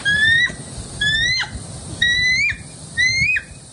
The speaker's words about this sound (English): This is what the bald eagle actually sounds like.